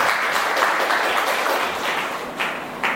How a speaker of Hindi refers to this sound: इनके लिए जोरदार तालियां हो जाए।